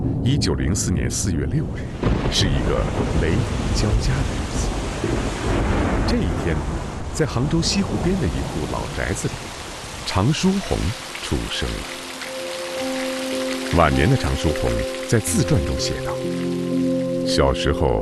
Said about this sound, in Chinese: 清光绪30年，农历2月21日，也就是1904年4月6日，是一个雷雨交加的日子。